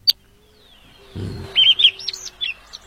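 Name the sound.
bird call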